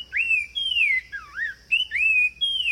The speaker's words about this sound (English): Now, here again is the sumacrest wren. Genetic studies eventually proved that these birds are distinct species, each with their own way to serenade their forest homes.